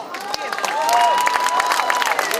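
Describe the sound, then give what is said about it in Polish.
A crowd at a sports match applauds steadily with scattered cheers and whistles as the team manager is introduced, a dense wash of clapping that stays loud and continuous throughout, with voices shouting amid the noise. “No tak, Filip zbiera jak zawsze zasłużone brawa.”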